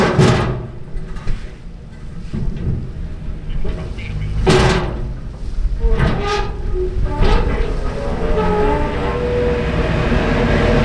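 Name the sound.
ferry arriving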